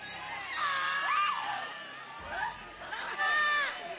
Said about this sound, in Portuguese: Vão expulsando, vão expulsando. Vão gritando para Jesus queimar ele.